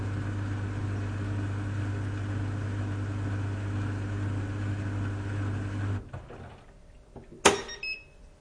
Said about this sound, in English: European small dryer with some confusion. Yeah. Okay, let's listen to that because now I'm really curious what this dryer sounds like.